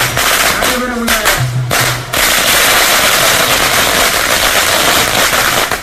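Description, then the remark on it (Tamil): Loud firecrackers and fireworks burst in a dense, continuous rattle of rapid pops, with a few brief tonal sounds early on and a faint crowd murmur beneath, set off by DMK members with drums to welcome an election candidate starting her campaign in Thalavaipattinam village, Dharapuram constituency. “அவரது சொந்த ஊரான தளவாய்ப்பட்டினம் கிராமத்தில் பிரச்சாரத்தை தொடங்கிய அவருக்கு திமுகவினர் மேளதாளங்கள் முழங்க வான வேடிக்கை மற்றும் பட்டாசுகள் வெடித்து உற்சாக வரவேற்பு அளித்தனர்.”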